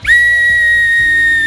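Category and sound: human body sound, human whistling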